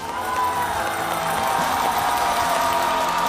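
Steady, dense applause from a concert audience welcoming the head of a guofeng (Chinese-style) music society. It is a continuous wash of many hands clapping at an even loudness throughout, with some crowd noise mixed in and no clear speech.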